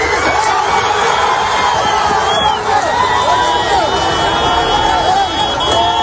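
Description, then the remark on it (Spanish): A crowd of people shouts and calls out urgently at a collapsed building rescue, overlapping voices rising and falling in a loud, chaotic commotion that continues without pause, as someone trapped below in the wreckage of iron and bricks shouts to be heard. “este momento en el que alguien desde ahí abajo grita para que le oigan.”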